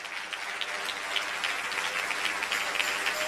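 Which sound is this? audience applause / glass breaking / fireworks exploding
audience applause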